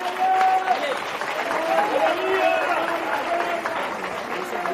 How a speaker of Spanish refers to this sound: Dale aplauso a Cristo.